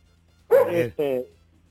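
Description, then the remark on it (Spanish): A small dog gives two quick, high-pitched yaps in close succession, clear, over a faint steady low hum, heard over a caller's telephone line. “Sí, se está escuchando el perrito, le interrumpe. Interrumpe la llamada.”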